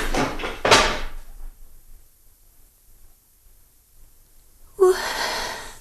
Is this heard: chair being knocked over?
yes